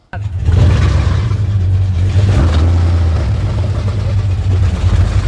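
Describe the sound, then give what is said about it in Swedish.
A motorboat engine roars to life and revs loudly as the boat heads out, settling into a steady, throbbing drone for several seconds with no talking. “Nej, jag tänker att nu måste vi ut och åka. Nu åker vi!”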